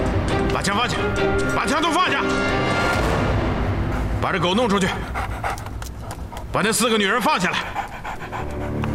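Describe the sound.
A dog pants heavily, breaking into a few loud, sharp barks at irregular moments over a busy, noisy background with voices mixed in.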